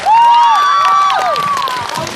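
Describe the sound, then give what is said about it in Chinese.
A loud, steady burst of audience applause, mixed with cheering and sliding whistle-like cries, holding at full volume for about two seconds with no talking, welcoming actor Guo Pinchao to give his talk. “接下来有请郭品超带来他的分享，掌声有请超哥。”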